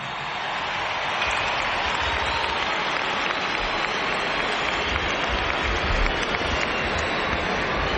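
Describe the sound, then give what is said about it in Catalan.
A large stadium crowd in Gran Canaria gives a sustained ovation for Barça player Aitana, dense applause and cheering that swells in over the first second and then holds steady and loud, with no talking over it. “per tant, Aitana, bon matí, que rep aquesta ovació.”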